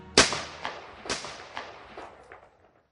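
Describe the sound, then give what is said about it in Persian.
A gunshot sound effect for a shooting at a special forces command headquarters during a coup: a loud, sharp gunshot cracks out, followed by several more irregular shots that grow fainter, each trailing a short echoing decay, with no voices present. “او جنرال کودتاچی سمیح طرزی را پیش از ورود به مقر قماندانی با شلیک گلوله از پای درآورد و خودش در همانجا به شهادت رسید.”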